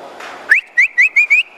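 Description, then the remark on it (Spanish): A person whistles to call a milking cow to the corral, a quick series of five sharp, rising notes, one long swoop followed by four short bursts in a steady rhythm, loud against a faint background hiss. “Por ejemplo, llegaba usted y iba a buscar la vaca de ordeño y comenzaba, como diciéndole, para el corral, y se aislaban la vaca.”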